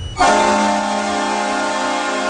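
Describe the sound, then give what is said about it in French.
The goal horn at the Saddledome in Calgary, home arena of the Calgary Flames, during its last season, blasts suddenly. It holds one loud, steady, rich chord for about two seconds, with no voices over it. “C'est la dernière saison pour entendre cette sirène de but au Saddle Dome de Calgary.”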